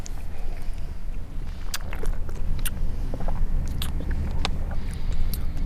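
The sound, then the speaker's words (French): Wet mouth sounds as someone sips and swirls a Sauvignon wine during a tasting: soft slurps and scattered lip smacks and clicks over a steady low background hum, with no talking. “On va voir ce qu'on a dans la bouche maintenant.”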